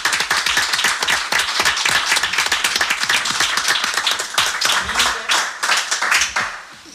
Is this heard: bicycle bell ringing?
no